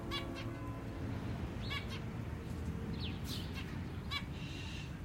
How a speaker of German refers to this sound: Im Sommer kaufte er mir ein Zebrafinkenpärchen. Den Käfig hingen wir im Hinterhof an dem Balkon, wo die Vögel mit den anderen Käfigbewohnern der Nachbarn kommunizierten. Wir stehen auf dem Balkon und hören ihrem munteren Gezwitscher zu.